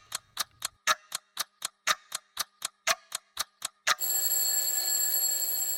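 A clock ticks in a quick, steady rhythm, about fourteen crisp ticks, then a continuous bright ringing, like an alarm bell, cuts in and fills the rest. No one speaks.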